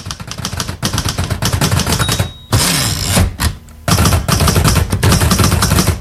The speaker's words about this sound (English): There you go. That is today's noise. You probably recognise that it's typing, but do you know what it's typing on? You might need help from a grown-up for this one, as it's something quite old-fashioned.